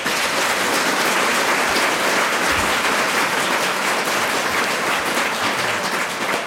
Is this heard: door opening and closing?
no